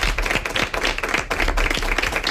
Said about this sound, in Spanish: ¡Un aplauso para él!